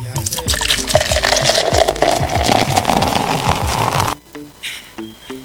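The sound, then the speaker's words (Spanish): A bottle is uncapped and a drink is poured in a steady, fizzy gush for about four seconds, its pitch rising as the glass fills, then it cuts off and a faint voice follows. “Ahí va el destape para Leo Vicente.”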